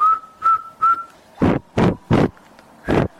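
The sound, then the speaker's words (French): A voice imitates high-pitched whistling: three short, clear whistled notes, followed by five louder, breathy whistle-like bursts in an even rhythm, alone with no talking. “Par exemple, s'il faut imiter, il y a des sifflements, des sons aigus, tels que”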